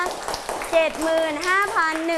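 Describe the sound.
A group of students claps in a dense, steady patter, like rain, while a woman's voice speaks over the applause throughout.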